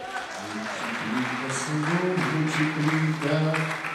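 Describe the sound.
A church audience applauds the Lord with a dense, steady wash of clapping, while voices sing or call out loudly over it throughout.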